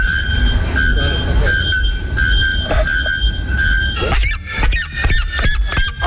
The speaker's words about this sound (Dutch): En normaal maken we je wakker met een hanengeluid, maar vandaag dachten we, laten we dat dan doen met die Braziliaanse vogels die 120 dB geluid maken. Op 20 meter afstand hoor je ze. Het is zo luid als een kettingzaag en het klinkt zo.